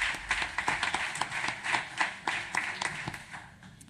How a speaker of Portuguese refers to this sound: Uma salva de palmas na mesma para o Walter.